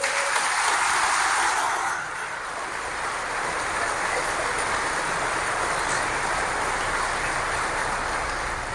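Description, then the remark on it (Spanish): A church audience applauds to God steadily, a dense wash of many hands clapping that swells loudest in the first two seconds, then settles into sustained, even clapping with no voices heard. “Un aplauso a Dios.”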